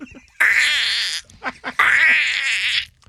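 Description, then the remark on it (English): A person imitates a dolphin with two loud, high-pitched squealing bursts, each about a second long and warbling with a wavering trill, separated by a few short clicks and chirps. “All of a sudden you just hear, what's that out of the stands? Is that a dolphin?”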